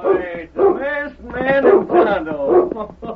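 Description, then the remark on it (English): A dog barks excitedly at the sight of two men arriving at a small camp in the open not far from town: a quick series of five loud, yelping barks in a lively, uneven rhythm that fills the whole moment. “Every time he sees you two fellas, he wants to bark his fool head off.”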